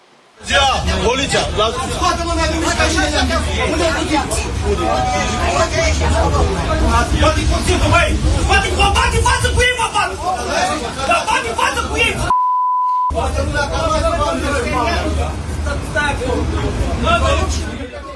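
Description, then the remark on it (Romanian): Four men shout and argue over one another inside a city bus in Galați crowded with passengers, voices loud amid a steady engine rumble, broken briefly by a short electronic beep. “Scandal într-un autobuz din Galați plin cu călători, conflictul a izbucnit între 4 bărbați.”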